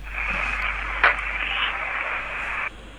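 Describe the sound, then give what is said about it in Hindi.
An FM radio set behind a caller phoning a radio show from in front of a primary school plays with a steady, tinny, band-limited hiss and muffled broadcast sound over a low electrical hum, echoing on the line, then cuts off abruptly just before the end. “आपके पीछे जो FM रखा हुआ है उसकी आवाज़ कम कर लीजिए वरना आवाज़ ऐसी ही गूंजती रहेगी।”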